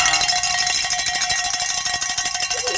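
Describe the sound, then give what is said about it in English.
A handbell rung rapidly and continuously in celebration during a Covenant Network broadcast, producing a bright, metallic clanging with dense repeated strikes and a shimmering high ring throughout. “Grab that bell. Oh. Give it a workout.”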